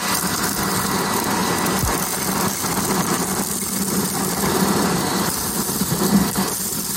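A vacuum cleaner runs steadily for the whole stretch, a constant whooshing motor roar with a low hum underneath and no pauses or voices.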